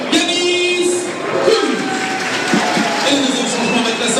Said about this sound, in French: La sortie d'Abou Kanté, applaudi pour sa première titularisation.